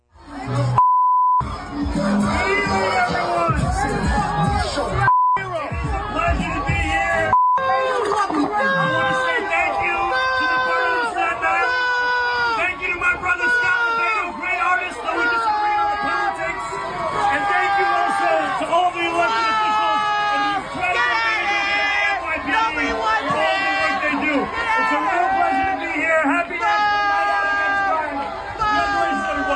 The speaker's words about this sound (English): I mean, you can't even hear what the mayor was saying in his short one-minute address being booed aggressively and obviously cursed out by the people in Staten Island who had a few choice words to say about the mayor.